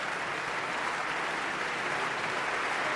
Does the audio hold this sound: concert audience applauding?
yes